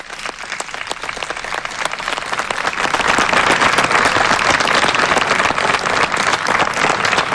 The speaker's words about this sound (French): Et devant les applaudissements du personnel